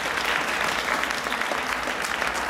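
A concert crowd applauds the keyboard player steadily, a dense wash of many hands clapping at an even, sustained level for the whole stretch, with no voices standing out above it.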